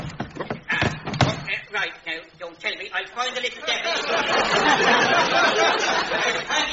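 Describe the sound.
A door bangs and rattles a few times in quick, clumsy succession as a man fumbles with it, unable to find the door, then voices take over, swelling into a busy murmur of several people talking at once.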